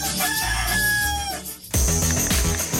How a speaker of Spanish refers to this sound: El gallo. El gallo, pues